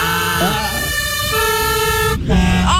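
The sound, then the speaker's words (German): A loud fire engine siren or horn, switched on by the fire crew, blares in sustained, brassy tones that step between pitches, with short rising glides near the start and end, and a murmur of voices underneath. “wenn ihr jetzt an die Feuerwehr denkt, ich sag einmal, habt ihr ein Geräusch im Ohr?”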